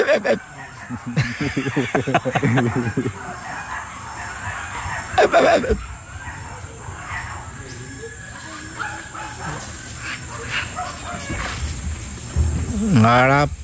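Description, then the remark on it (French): A human voice imitates spider monkey calls, giving a series of loud, harmonic yelps and whinnying cries in bursts, with rough squeals between them. “Et là, les singes araignées.”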